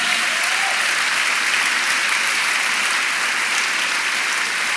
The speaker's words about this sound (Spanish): Vamos, dele un aplauso al Señor.